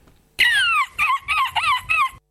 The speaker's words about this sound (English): That was correct. It was a bird at the end.